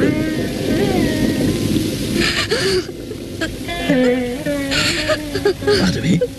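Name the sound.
heavy rain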